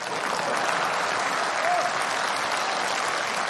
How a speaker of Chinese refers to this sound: 这鼓掌的都是我这样的人。